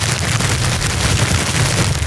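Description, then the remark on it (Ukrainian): A watermelon being shaken, producing a steady, dense rattling and rumbling noise with a low thumping undertone that continues for about two seconds without pause. No one speaks. “Зараз телефоную наш слухач і каже: «Це кавун!» Це кавун.”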